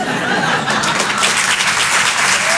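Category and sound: crowd, audience applause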